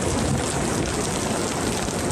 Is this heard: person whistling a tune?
no